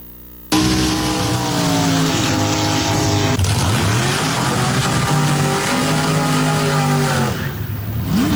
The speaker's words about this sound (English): I'd like to introduce you to two young ladies who have their own cars and drag race, not in the streets, but on a real track. Let me share with you the power of drag racing.